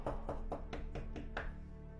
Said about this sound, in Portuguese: eu eis que estou à porta, batendo a porta. Eis que estou batendo a porta.